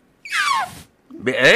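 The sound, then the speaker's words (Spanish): A voice imitates a newborn elephant with two high, strained squeals, the first sliding downward in pitch, then a short pause before a second loud, raspy cry. “El mío de un elefante recién nacido.”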